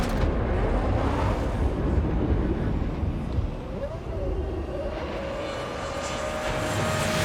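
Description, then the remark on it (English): An RB7 Formula One car's V8 engine, generating 18,000 RPM, roars continuously, its pitch climbing as it accelerates. The sound is loud and steady, with a rising whine partway through over a broad, rushing noise. “The RB7 off like a scolding dog. A dog with a V8 engine generating 18,000 RPM strapped to the back.”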